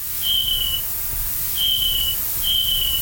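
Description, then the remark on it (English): An adult snapping turtle's chirping call: three thin, high-pitched, cricket-like chirps, each about half a second, repeated at a steady pace over a faint low rumble, with no voices. “So in adult snapping turtles, we detected four different distinct call types. The first call is a kind of chirping sound. It almost sounds like a cricket.”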